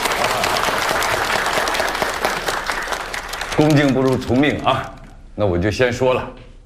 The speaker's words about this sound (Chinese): 鼓掌。